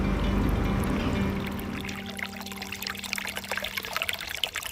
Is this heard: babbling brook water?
yes